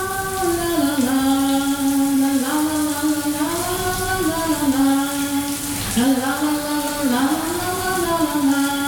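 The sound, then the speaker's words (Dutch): Water streams steadily from a running shower tap, a continuous hiss. A wavering, melodic tone glides along on top of it the whole time. “Het gordijntje dat sluit en de kraan gaat stromen.”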